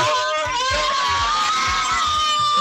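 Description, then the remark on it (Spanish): A family shouts and cheers excitedly all at once at a baseball home run, a loud continuous roar of screams and whoops that stays high-energy through the whole short burst. “Esa es toda así la familia. Qué bárbaro.”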